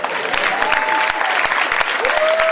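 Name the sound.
audience applause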